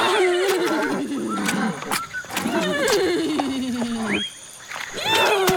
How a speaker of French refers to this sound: Ces hennissements sont aussi pour votre bébé ? Non, j'appelle le géniteur parce que je sens que mon junior ne va pas tarder à pointer le bout de son museau.